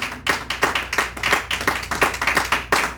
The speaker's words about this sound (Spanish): Démosle palmas al Señor, aleluya.